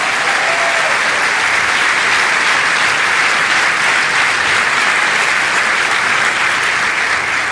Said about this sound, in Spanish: ¡Aleluya! ¿Cuántos le dan un aplauso al Rey de Reyes?